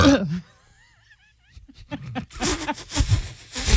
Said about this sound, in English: I don't think I've ever burped in front of you guys.